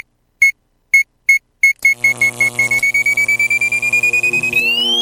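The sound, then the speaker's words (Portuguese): A stopwatch-like timer sounds a run of evenly spaced high beeps that speed up into rapid pulses, rising slightly in pitch over a droning tonal backdrop before ending abruptly. “Tic-tac. Esse é o cronômetro.”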